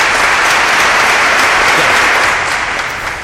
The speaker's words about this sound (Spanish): Dale un aplauso